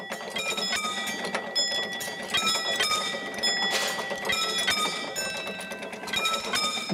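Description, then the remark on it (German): A railway crossing warning bell rings steadily with rapid, repeating metallic strikes, loud, over a mechanical rattle and hum as the barriers are lowered by hand at Heiligendamm station on the Molly railway line in Germany. “Da kommt auch schon der Ton und dann gehen wir jetzt die Schranken schließen.”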